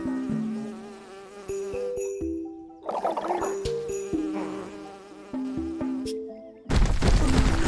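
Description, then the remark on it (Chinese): Flies buzz fairly loud while someone tries to drive them away, a droning hum that wavers and shifts in pitch for several seconds before a sudden burst of harsh, noisy rushing sound takes over at the end. “当时为了赶苍蝇。”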